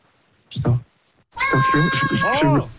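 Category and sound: animal, cat meowing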